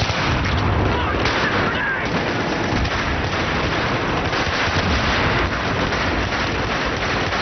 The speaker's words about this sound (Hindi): चारों तरफ भयंकर गोलों की गूंज फैल रही थी। इधर से भी जवाबी हमले किए जा रहे थे।